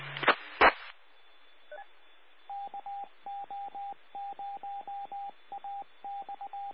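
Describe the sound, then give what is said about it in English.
EchoLink radio connection tones: a couple of crackly bursts, then a steady run of short, evenly spaced electronic beeps in quick pairs over faint radio hiss. No one speaks. “That's Echo Link, ORG.”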